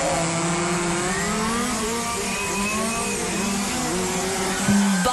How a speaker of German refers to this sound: Verein AMC Hamm wird von Freitag bis Sonntag nämlich die offene deutsche Meisterschaft 2026 ausgetragen. Heißt, ganz viele funkferngesteuerte Modellfahrzeuge treten da auf der Rennstrecke gegeneinander an.